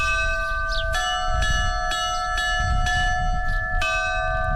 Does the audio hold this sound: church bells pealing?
yes